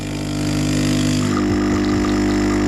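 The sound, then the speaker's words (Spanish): An espresso machine brews with a loud, steady, droning pump hum that holds an even buzzing tone throughout, with a few faint shifts and sputters in the lower rumble near the end. “Esto es café para muy cafeteros. Que por cierto, esto para la industria cafetera, igual ese sonido se puede mejorar.”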